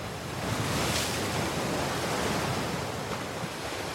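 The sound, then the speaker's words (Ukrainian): A steady, broad rush of surf washes on without pause, like ocean waves breaking and foaming along a shore, fairly loud, with no voices present. “Котик із песиком стояли на березі і махали лапками гостям із океанських глибин, які пірнали у хвилі.”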